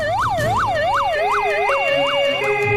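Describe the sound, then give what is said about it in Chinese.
Loud police car and ambulance sirens wail with rapid, repeating rising-and-falling sweeps over about three seconds as the vehicles rush to arrive, joined by a steadier tone partway through, with no one speaking. “警车和救护车呼啸而至。”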